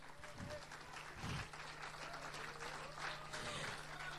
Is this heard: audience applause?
yes